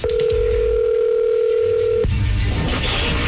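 A steady, loud telephone ringback tone of an outgoing prank call hums for about two seconds, then cuts off abruptly, leaving a noisy line with faint background rustle.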